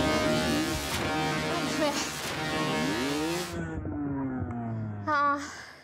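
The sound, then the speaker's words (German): A motocross dirt bike engine revs hard during motocross training, its pitch climbing and dropping through several throttle bursts before easing off, then one sharp rev near the end. “Wenn man auf dem Motorrad sitzt, man konzentriert sich nur auf sich selber und auf das Fahren.”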